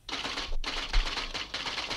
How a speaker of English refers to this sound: All right, now I can hear the typewriters in the background.